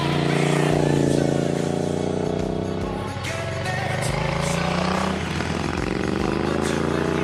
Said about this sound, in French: Et puis après, il y a le son. Donc le son du gros bicylindre 1200 de cette Triumph. Ça sonne.